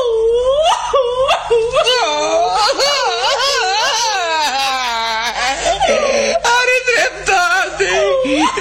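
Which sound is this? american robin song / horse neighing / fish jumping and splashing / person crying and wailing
person crying and wailing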